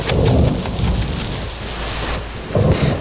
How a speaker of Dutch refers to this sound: Woezel, Pip, gaan jullie snel naar binnen. Het gaat regenen.